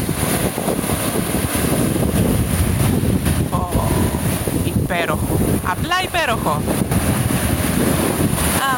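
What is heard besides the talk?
sea waves and wind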